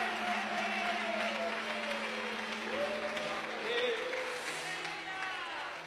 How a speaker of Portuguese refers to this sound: Quem pode glorificar a Deus, bater palmas. Mais forte.